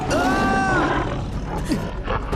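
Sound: tiger roar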